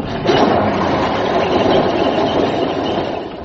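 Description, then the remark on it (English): An old fire engine, running on the same petrol used in Spitfires, is started up; its motor catches and settles into a loud, steady rumbling run, continuous, with no voices over it. “Get back on the engine. Honestly? Right, hold on, everybody. I'm going to start her up.”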